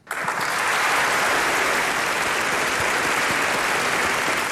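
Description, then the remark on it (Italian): Steady, dense applause from many hands in a studio, a continuous bright crackle of clapping that holds at an even loud level throughout with no voices over it. “Beh, anche noi stiamo applaudendo qui in studio, insomma.”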